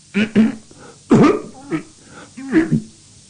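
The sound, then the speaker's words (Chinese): A storyteller imitates King Zhou coughing behind the dragon curtain: a string of five or so short throaty coughs in an uneven rhythm, fairly loud with brief pauses between them. “纣王等啊等啊，一看俩人谈起了没完了，没理自己这个茬，他就有点等不及了，在龙帘后头直咳嗽。”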